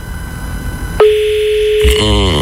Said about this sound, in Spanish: atendé el teléfono.